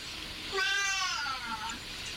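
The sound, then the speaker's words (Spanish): A single drawn-out cat meow, rising and then falling in pitch over about a second, clear against a faint background hiss. “Hasta el gato se te ríe”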